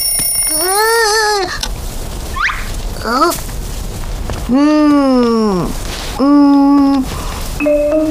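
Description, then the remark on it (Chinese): A loud alarm clock rings in several wavering, bending bursts separated by short gaps, its tone sliding up and down with each burst; it suddenly went off by itself. “哼，不让我动，你自己怎么把叮咚给弄响了？”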